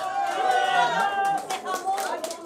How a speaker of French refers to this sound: on peut l'applaudir encore bien fort.